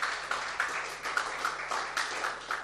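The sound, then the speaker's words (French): An audience applauds the event's organisers with steady, dense clapping: a continuous wash of many hands at a moderate level, with small surges in intensity, and no voices over it. “Encore une fois, qu'on peut applaudir, hein.”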